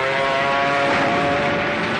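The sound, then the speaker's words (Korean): A steady, loud drone of dozens of Kuomintang Air Force propeller warplanes passing overhead in clear weather above empty harvested rice fields, a continuous engine roar with a humming tonal whine that holds even for a couple of seconds, with no voices. “아침부터 저녁까지 적기 수십 대가 날아다녔다.”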